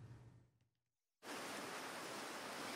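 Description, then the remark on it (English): Ocean waves wash onto Bondi Beach in Sydney in a loud, steady roar of surf that surges in suddenly after a brief hush and a fading low hum. No one speaks. “The waves still roll in at Bondi Beach.”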